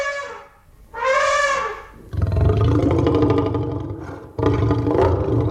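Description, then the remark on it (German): The T-Rex roar from the film Jurassic Park, made by combining elephant and lion sounds: two high, harmonic trumpeting shrieks open, followed by a long, deep, rumbling roar that surges twice, loud, with no talking. “Ich weiß zum Beispiel, dass es bei dem T-Rex in Jurassic Park Laute von Elefanten und von Löwen sind, die irgendwie kombiniert worden sind.”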